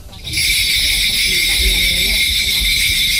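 Bells from a Korean shamanic gut ritual jingle in a steady, bright shimmer that starts abruptly and continues without pause, with a soft low rumble and faint thuds beneath.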